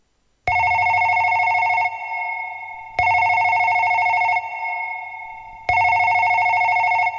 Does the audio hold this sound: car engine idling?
no